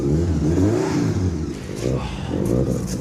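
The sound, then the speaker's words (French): A car engine starts and revs up and down on a rainy day, its low throaty exhaust roar rising and falling in pitch over a few seconds, loud and continuous. “Le moment où je vais entendre rugir ce moteur.”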